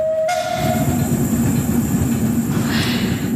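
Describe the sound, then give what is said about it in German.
A steam tram rumbles steadily along the tracks with a dense, low mechanical clatter, while a brief high whistle-like tone sounds at the start and a faint squeal rises near the end. “Die vom Dampftram sind glücklich.”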